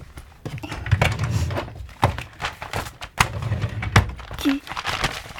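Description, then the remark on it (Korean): Torn notebook pages patched together with Scotch tape crinkle and rustle in several brief bursts with sharp handling clicks as they are shown, while low murmuring voices sit faintly underneath. “그래도 내가 얼기설기 스카치 테이프로 이렇게 붙여놓기는 했어.”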